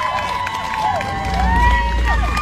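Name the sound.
crowd cheering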